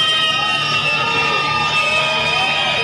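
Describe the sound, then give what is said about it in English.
A large baseball stadium crowd cheers and shouts continuously during a game, a dense roar of many voices with scattered whoops, loud and sustained throughout. “Crowd getting into it.”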